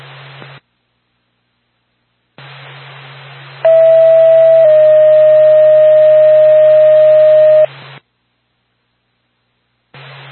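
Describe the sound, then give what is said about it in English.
Radio static hisses in bursts, then a loud, steady dispatch paging alert plays: a short first tone shifts into a longer second tone lasting several seconds, before the static cuts out. It is the second tone for NORVAC, Lancaster ambulance, sent to 280 West Lunenburg Road, Lunenburg, for a single car motor vehicle accident with injury. “NORVAC, Lancaster ambulance, your second tone.”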